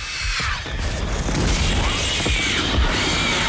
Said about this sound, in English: Then the firework explodes.